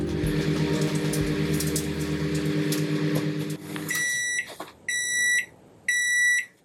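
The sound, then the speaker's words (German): A microwave oven heating food hums steadily with a low drone, then falls quiet and gives three loud, high-pitched electronic beeps, each lasting about half a second with short gaps between. “Oh, ich glaube, da kriege ich was frisch aus der Mikrowelle geliefert.”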